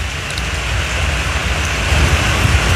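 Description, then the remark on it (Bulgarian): Steady, dense, short-lived rain hisses continuously with a low rumbling of thunder underneath; nobody speaks, and the downpour keeps an even, loud level throughout. “Краткотраен дъжд, придружен с гръмотевици, валя и на други места в областта.”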